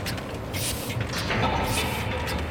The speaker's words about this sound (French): Ah si, tu les sens. C'est les grosses, c'est les Heidelberg. Ouais, ouais. Il y a la respiration. Les grosses imprimantes pneumatiques.